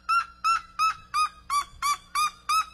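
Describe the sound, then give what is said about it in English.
A bird gives eight loud, harsh calls in a steady rhythm, each a short nasal squawk rich in overtones, repeated about every third of a second, with no voices; its calls can reach 122 to 123 decibels. “It's a dumb looking bird. Ooh. But imagine that at the decibels, 122 to 123, which is chainsaw territory.”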